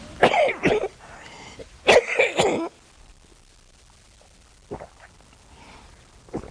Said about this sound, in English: Better get my cough up.